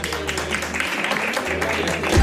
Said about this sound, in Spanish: Y este aplauso es para ellas. Venga, un fuerte aplauso.